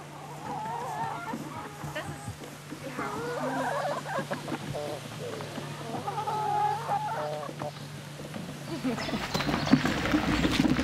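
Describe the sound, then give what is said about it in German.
Chickens cluck and chatter continuously inside an automated, solar-powered mobile henhouse, a busy overlapping flock sound with a steady low hum underneath and rising activity toward the end. “Im Hühnermobil läuft alles automatisch.”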